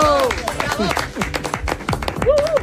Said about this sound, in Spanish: Está aquí el auténtico Roberto Brasero. Ese Brasero, de verdad. Buenos días. Aplauso. Sí, aplauso, Brasero.